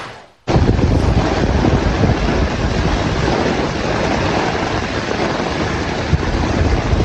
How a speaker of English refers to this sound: Wind-driven rain. This was in Brooklyn yesterday where some streets did flood.